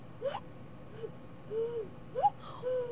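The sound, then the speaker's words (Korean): A person blows a cuckoo call through cupped hands: a run of breathy, hollow hooting notes, some sliding up in pitch, in loose pairs, with no talking. “창문 밑에 가서 뭐 불러요? 뻐꾸기를 운다든지 네.”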